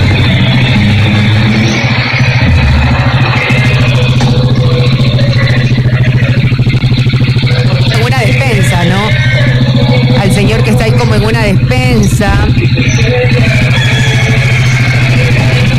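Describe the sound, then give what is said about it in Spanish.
A motorcycle engine rumbles steadily throughout as someone gets on the motorcycle, joined by a car arriving from which some people get out, while indistinct voices talk over the noise in the middle. “Ahí se embarca en la moto, le anda como un casco y ahí llega un vehículo.”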